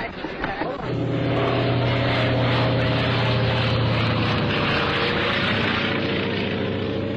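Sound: propeller airplane flying overhead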